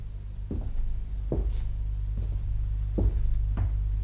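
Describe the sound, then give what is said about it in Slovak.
A door swings open by itself with a handful of sharp wooden clunks and creaks, spaced unevenly over a steady low rumble, with no one speaking. “Zasa dvere?”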